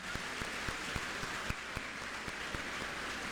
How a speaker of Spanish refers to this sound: Bueno, chao hermano, Dios me la bendiga, un aplauso. Amén.